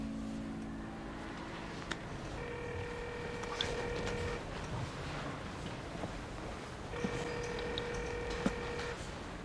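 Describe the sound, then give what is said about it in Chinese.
A telephone line rings out on the receiver end as a phone number is called: two long, steady electronic tones separated by a pause, heard against a constant rumbling background noise. “我有 啊，打过去。”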